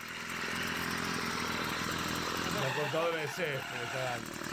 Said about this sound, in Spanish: Este artefacto. Bueno, es una motosierra también, ¿eh? Es una bordeadora.